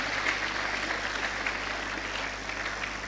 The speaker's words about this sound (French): S'il vous plaît, je vous demande d'applaudir encore très fort pour le ministre.